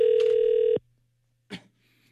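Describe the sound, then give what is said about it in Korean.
A loud, steady telephone ringback tone plays for under a second and cuts off as a call is placed to a listener during a Far East Broadcasting radio program, followed after a pause by a brief faint click or rustle from the line. “신호 갑니다.”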